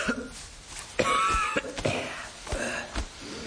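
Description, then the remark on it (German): Several harsh, strained coughs come in short bursts, fairly loud, with raspy throaty rasps between them and no one speaking, as someone knocks earth off their suit and hat. “Jemand klopft sich Erde vom Anzug, seinen Hut aus, hustet angestrengt, dass man meinen könnte, gleich macht auch noch das letzte Lungenbläschen dicht.”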